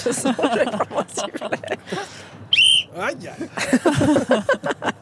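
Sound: whistle being blown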